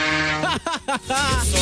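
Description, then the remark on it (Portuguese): A truck horn blares loud and steady at the start as a truck driver honks while passing Boituva, Brazil; a short burst of voice cuts in midway, then another sustained horn-like tone sounds toward the end. “Escuta o barulho, eu vou buzinar pra você, seu trouxa.”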